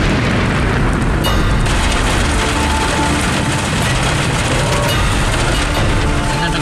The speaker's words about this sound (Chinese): 太大了，估计这个还打雷，这样的话上山如果往山梁上爬就有点危险了，有点困难了。